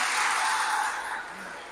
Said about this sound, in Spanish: Un aplauso a la gente de Meoqui.